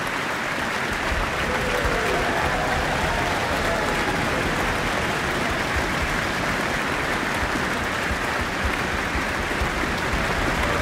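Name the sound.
audience applauding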